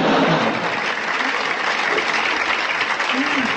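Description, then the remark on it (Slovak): Sustained applause from an audience fills the whole stretch, a dense, steady wash of many hands clapping at once, with a few faint voices mixed in underneath. “Ďakujem, ďakujem za potlesk.”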